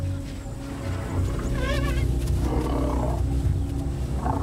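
An elephant vocalizes with a deep, continuous rumble, and a brief wavering, trumpet-like call rises over it midway through, then the low growling carries on to the end. No one speaks.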